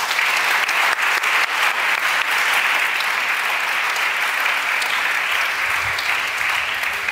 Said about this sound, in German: Von uns allen, Ihnen vieren willkommen und Applaus.